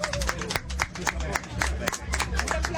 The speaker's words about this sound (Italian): Possiamo fare un applauso? Scusate. Un applauso.